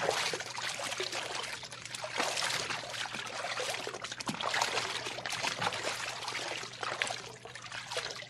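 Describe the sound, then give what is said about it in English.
Someone wades barefoot into a river about a foot deep, with continuous sloshing and splashing that swells and eases in an uneven rhythm, and no voices. “Slip off your shoes. I want you to check something with me, so come on. The water's only about a foot deep.”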